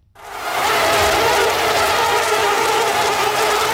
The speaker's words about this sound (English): So that's a sound that might be familiar to many of you, the sound of mosquitoes buzzing around looking for a target to bite.